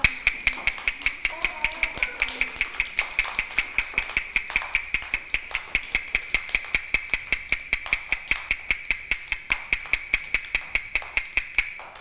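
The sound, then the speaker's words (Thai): Fast, steady tapping of a fast rhythm for children in a rhythm and movement lesson repeats evenly throughout, dozens of sharp, bright knocks in quick succession with a ringing high tone underneath; faint voices murmur briefly early on. “คือจังหวะอะไรคะจังหวะเร็ว”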